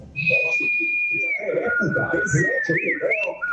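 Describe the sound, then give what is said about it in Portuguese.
A person from Carangola whistles a steady, high bird-like note that warbles and bends near the end, imitating birdsong, while other people talk underneath throughout. “Assobio passarinho, né? Normal.”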